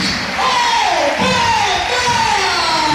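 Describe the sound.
A football crowd in the stands of the Municipal de Amarante, fans mostly standing, applauds during a substitution in a steady, dense wash of clapping and crowd noise, with a man's voice talking over it throughout.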